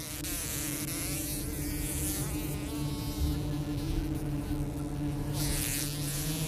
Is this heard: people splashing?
no